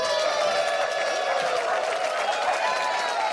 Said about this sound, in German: Und ich bitte um einen riesengroßen Applaus für Dietmar Wischmeier.